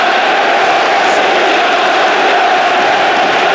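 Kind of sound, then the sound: crowd, football stadium crowd chanting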